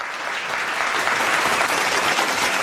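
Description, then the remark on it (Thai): An audience applauds the three speakers of a presentation, a steady, dense, even wash of many hands clapping at once that holds at a constant loudness for a few seconds, with no voices rising above it. “ขอเสียงปรบมือให้วิทยากรทั้ง3ท่านนะครับ”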